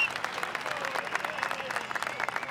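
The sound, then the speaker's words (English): A crowd at a motorsport competition applauds steadily, a dense wash of many hands clapping at once with some faint voices and a few whistles mixed in, holding at an even level throughout. “As everyone gives a round of applause, we keep the action going”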